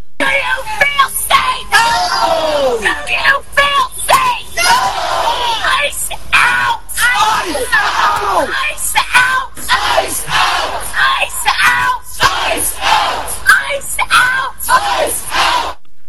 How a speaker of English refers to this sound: Here's the protester yelling in Biddeford.